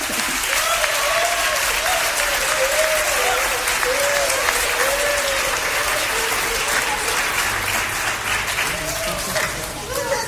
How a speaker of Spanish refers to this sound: Démosle un aplauso al rey.